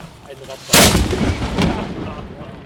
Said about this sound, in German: War das Ganze doch für die Vereinsmitglieder das allererste Mal, ihre Kanone auf dem Kanonsberg zum Singen zu bringen. Nun, was die Schützengesellschaft Concordia nicht durfte, wir dürfen's. Und zwar ganz ohne Verkehrsstau. Gebt Feuer!